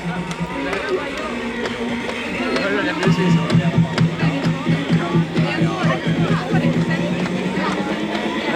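A lively crowd cheers and shouts as graduating students in white dresses and white student caps run out amid gold confetti, music and smoke, swelling louder after a few seconds, with a steady musical drone and scattered sharp claps or thumps running through the noisy commotion.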